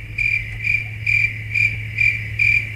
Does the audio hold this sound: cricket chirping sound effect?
yes